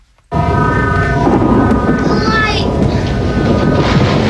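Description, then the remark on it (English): A thunderstorm in the background of a 1974 film shot in Atlanta rumbles in abruptly and keeps up a loud, steady, deep roar, with a faint high whine sliding downward partway through. “That's a storm in the background.”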